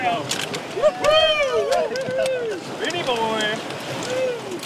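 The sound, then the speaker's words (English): Crews paddle rafts through the last river rapids after lunch, with water rushing steadily throughout while several voices call and chatter loudly over the churn. “After lunch, the crews paddled through the last of the rapids.”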